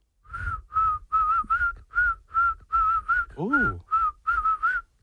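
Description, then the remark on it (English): A person whistles a short, bouncy tune, a string of clear, evenly spaced notes with a brief sliding dip near the end before the melody continues. “You have no faith in your whistle.”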